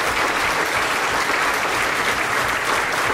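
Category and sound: crowd, audience applause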